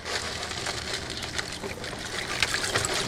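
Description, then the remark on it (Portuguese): Caustic soda flakes being poured and mixed into reserved water, about 1 kg of caustic soda to 3 liters of water: a steady swishing and fizzy rustle lasting the whole time, with a few brighter splashy clinks and no one talking. “A soda cáustica, e vai misturar naquela água que a gente tinha reservado.”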